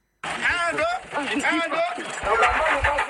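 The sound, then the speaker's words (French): A heavy vehicle engine revs hard in repeated surges, loud, its pitch rising and falling as it strains while a 4x4 tries without success to pull an 18-wheel truck stuck in mud on an unmaintained road in the rainy season, with voices calling out over the noise. “Des coups d'accélérateur et de 4x4 pour tirer ce camion de 18 roues dans la boue, mais sans succès.”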